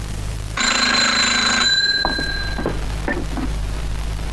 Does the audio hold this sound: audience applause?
no